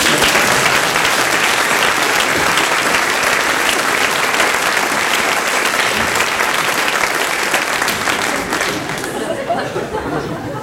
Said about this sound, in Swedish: Applåder.